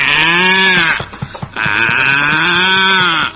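A cow moos twice in long, loud, drawn-out calls, the pitch rising and falling; a few soft knocks fill the short pause between them, and the second moo runs longer.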